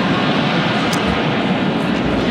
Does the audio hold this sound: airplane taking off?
yes